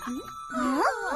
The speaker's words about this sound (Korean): 종소리도 이상한데? 뭔가 다 박자가 안 맞았거래.